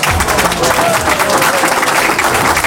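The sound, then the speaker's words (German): Loud, dense applause from a large crowd at the HDS prize-giving for the most popular shop in South Tyrol, the Despa in Philanders. A steady wash of many hands clapping at once without pause throughout. “Ja, Mords Applaus,”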